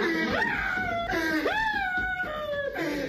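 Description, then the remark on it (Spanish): A man cries loudly in drawn-out, wailing sobs, his voice rising and sliding in three long moans over a steady background hiss, sounding anguished; it is a recording being played back. “Ahí está llorando el vato.”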